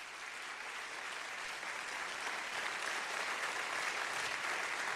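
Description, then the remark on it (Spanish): An audience applauds to God steadily for about five seconds, a dense, even wash of many hands clapping with no talking over it. “A su nombre, denle ese aplauso a Dios.”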